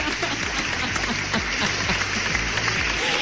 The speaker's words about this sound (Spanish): Yo la verdad estoy muy contento con él porque sí, efectivamente, se graduó de la preparatoria. ¡Fuerte el aplauso! ¡Nunca es tarde!